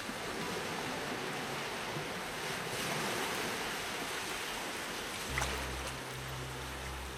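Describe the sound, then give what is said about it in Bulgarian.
Steady, rushing surf washes continuously onto a shore, broad and fairly loud with gentle swells, and a low droning hum joins near the end. No voices are heard. “Краят на плетката изтига вълните, стопява се, в морска пяна се превръща.”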